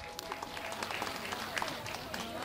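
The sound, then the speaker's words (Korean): A crowd applauds steadily at a charity donation ceremony at Yeonhwasa temple on Bulgoksan in Yangju, a dense patter of many hands clapping at once for a couple of seconds, with faint voices mixed underneath. “네, 여러분 다시 한번 큰 박수 보내주시기 바랍니다.”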